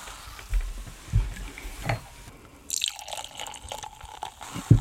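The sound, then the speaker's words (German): Sparkling wine pours and trickles into glasses, with soft dripping and a light fizzing hiss, broken by a few gentle clinks and taps. No one speaks. “Die Gläser sind gefüllt.”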